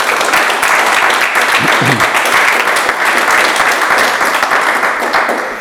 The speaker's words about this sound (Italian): Allora, intanto un applauso.